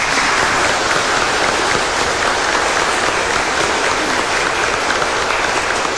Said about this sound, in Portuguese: E nós acolhemos as crianças e os pais com uma forte salva de palmas.